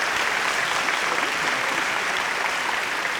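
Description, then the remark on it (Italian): A crowd claps steadily, a dense, even wash of many hands that stays loud and unbroken throughout, with no voices clearly standing out. “E facciamolo questo cazzo di applauso.”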